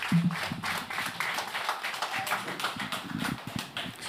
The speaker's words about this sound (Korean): 원장 스님 앞으로 나오고 계십니다. 큰 박수, 힘찬 박수, 예, 격려의 박수 부탁드리겠습니다.